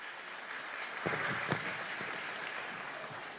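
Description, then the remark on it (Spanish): An audience claps steadily for a few seconds, a dense, even patter of many hands with a few sharper claps standing out; no one speaks over it. “Solo aplausos.”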